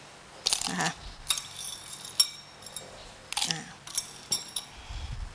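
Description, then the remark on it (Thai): Ice cubes clink and clatter into a blender jar in several separate bursts, sharp, with short quiet gaps between the drops, as ice is added to chill a sugar-free blended fruit health drink. “แล้วก็อาจจะใช้น้ำแข็งลงไปช่วยนิดนึงเพื่อให้เกิดความเย็นนะคะ”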